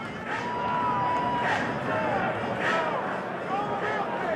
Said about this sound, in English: Crowd is quiet right now. That could change quickly.